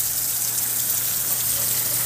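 Heavy rain pours down at the port of Huasco in a steady, dense hiss that stays loud and unbroken throughout, with a faint low hum underneath and no voices.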